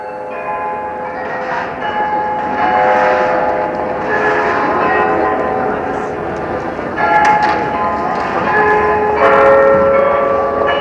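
The 43-bell tower Glockenspiel on the Marienplatz (St. Mary's Square) in the center of Munich's Old City chimes its 5 o'clock performance, a steady sequence of ringing bell notes. The overlapping tones sustain and blend, fairly loud and resonant, over a faint open-air murmur.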